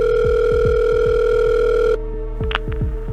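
A telephone call to the fire brigade of Neuilly-les-Oxys, near Abbeville, rings on the line on the morning of Valentine's Day 2018: a steady electronic tone over a low, rhythmically pulsing buzz, cutting abruptly to a thinner, quieter tone partway through, with no voices.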